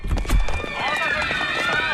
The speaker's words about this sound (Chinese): 哟，这人们都在往楼下跑啊！是不是着火了？